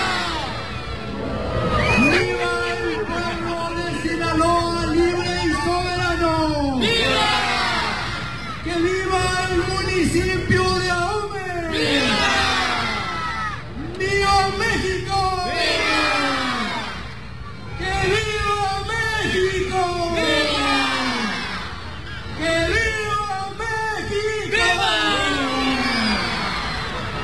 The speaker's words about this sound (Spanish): durante el tradicional grito de independencia, un total de 14,000 personas acompañaron al alcalde y se unieron en una sola voz para recordar a los héroes de la independencia